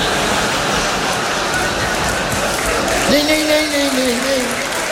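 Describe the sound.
Steady, dense clapping from an audience at a performance fills the whole stretch at an even level, and a voice cuts in briefly over it toward the end.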